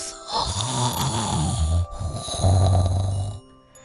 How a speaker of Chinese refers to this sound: 忽然，他们听到树上传来了很大的呼噜声。